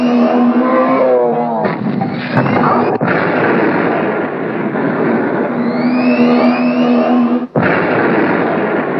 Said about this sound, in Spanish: Dos autos nos alcanzan.